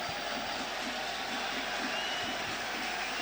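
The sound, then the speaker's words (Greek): A large stadium crowd of Panathinaikos football fans applauds as their team prepares to take a corner kick, a dense, steady wash of clapping that holds at an even level throughout, with no voices standing out above it. “Και πάει για να εκτελέσει αυτό το κόρνερ ο Ταμπόρδα και ακούτε τα χειροκροτήματα από τους φίλους του Παναθηναϊκού.”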